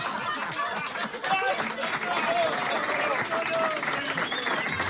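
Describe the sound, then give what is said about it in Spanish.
Steady applause from an audience applauding a joke-teller fills the whole clip, dense and continuous clapping with scattered cheers and murmuring voices mixed in, loud throughout. “Mira cómo me aplaude la gente.”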